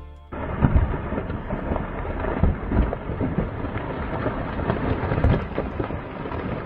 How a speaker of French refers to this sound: Et ce son ressemble à du tonnerre. Alors, ce n'est pas l'orage que nous allons peut-être entendre demain soir côté météo dans nos pays de Savoie, mais c'est plutôt le bruit d'un éboulement dévastateur enregistré le 11 août dernier